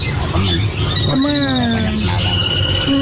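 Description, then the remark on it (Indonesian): Songbirds chirp and whistle in overlapping, sustained calls over a steady, noisy background rumble, the birds loud, at a songbird seller's stall. “Namun, riuh kicauan burung di lapaknya tak sebanding lurus dengan kondisi penjualannya saat ini.”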